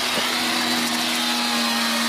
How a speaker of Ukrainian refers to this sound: З цього обійстя чутно звук болгарки.